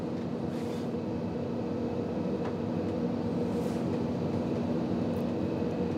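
A freight train runs steadily along a railway line in Germany, a constant low rumble with humming tones and faint rattles, loud throughout with no voices.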